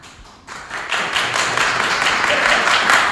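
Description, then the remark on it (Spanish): An audience bursts into applause after a quiet start, voting by applause for José Mourinho to return to Real Madrid, a dense, steady wash of many hands clapping that swells and holds loud and even to the end. “¿Quién sí quiere, tiene que aplaudir, que vuelva José Mourinho?”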